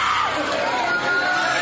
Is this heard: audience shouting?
yes